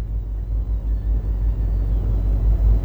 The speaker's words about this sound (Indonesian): Dan untuk yang pertama, kita akan melihat kondisi arus lalu lintas dari kawasan Banjarmasin, tepatnya di simpang 4 traffic light Gatot Subroto Dalam.